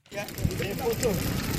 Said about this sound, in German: Vor dem Eingang dieses Krankenhauses in der kongolesischen Provinz Ituri brennt ein Feuer. Wütende Menschen haben Kartons, Holz und Autoreifen in Brand gesetzt.